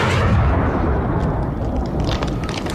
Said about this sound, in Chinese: 枪声越打越密，队列中的战士们都叫着， 打枪的地方就是辣子口了，大家快跟上啊，今天我们一定要占领这个辣子口呀。